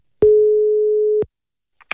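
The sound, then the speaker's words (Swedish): A single steady telephone ringing tone sounds for about a second while a call to the municipality of Jakobstad, Finland, connects, then cuts off into silence, followed by a couple of faint clicks. “Det ville jag ta reda på och ringde runt i några finlandssvenska kommuner för att höra hur man arbetar där.”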